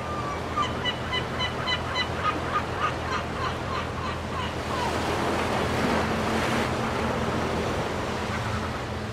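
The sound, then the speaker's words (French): Seagulls call repeatedly in short, sharp cries over a steady wash of ocean waves on the Rhode Island coast, USA, the gull chorus busiest early on before the surf swells and dominates. “et on va repartir sur le Rhode Island, on va retrouver les côtes avec la mer, les mouettes et puis les poissons.”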